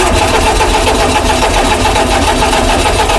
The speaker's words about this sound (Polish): Jak słyszymy, czasem kapryśny, dla wielu symbol minionego systemu, Fiat 126P, czyli tak zwany duży Fiat.